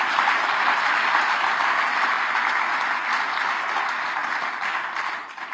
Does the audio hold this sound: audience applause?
yes